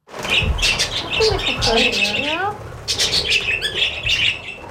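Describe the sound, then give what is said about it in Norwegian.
A flock of six male budgerigars, some with few feathers, at an animal protection shelter in Tromsø, Norway, chirping and squawking nonstop, a dense, busy chatter of high calls, with a brief dip in the middle before the noisy twittering picks up again. “Noen lite fjær, men mange av dem ganske aktive, og det spektakel og bråk hele dagen.”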